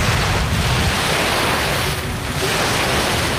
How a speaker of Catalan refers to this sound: Aquí no sé si sentiu el so de l'aire, a veure, de les onades. Pots posar el so del mar?